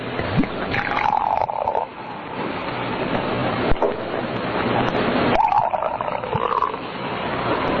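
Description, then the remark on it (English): Champagne is poured into a glass in two steady streams with a fizzy, hissing rush, over a constant background hiss with no voices. “Pour it. Certainly, sir.”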